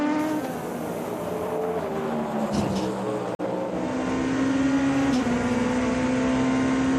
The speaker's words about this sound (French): Allez, premier tour lancé véritablement maintenant pour André Lauterer et les Genesis. Voiture dont on sait qu'elle est rapide désormais.